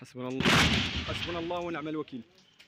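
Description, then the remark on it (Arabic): A loud, sharp burst of intermittent gunfire cracks out near the start, ringing briefly amid raised voices that call out over it and continue afterward, during army sweep operations in the towns of Kafriya and al-Fu'ah. “رداً على ذلك، فقد دفع الجيش بتعزيزات عسكرية إلى بلدتي كفرية والفوعة، حيث جرت عمليات التمشيط وسط أصوات إطلاق نار متقطع في خطوة وصفتها المصادر بأنها محاولة لفرض سلطة القانون.”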